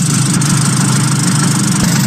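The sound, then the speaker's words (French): A Piaggio Vespa scooter engine buzzes steadily, a continuous metallic drone with a low hum at its core, holding an even loudness throughout with no voices. “Un bourdonnement métallique singulier.”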